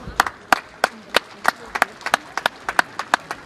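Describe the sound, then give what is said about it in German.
Steady, evenly spaced hand claps, roughly three per second, sharp and bright, forming a sparse round of applause for an award to Saxony-Anhalt honouring the Helmsdorf equestrian tournament, with no talking over it. “Das ist eine Auszeichnung für unser Bundesland, das ist eine Auszeichnung für Sachsen-Anhalt, die, glaube ich, einen großen Applaus verdient hat.”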